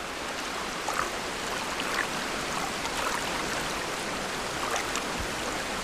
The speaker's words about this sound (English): The troop have reached the river and cross one by one.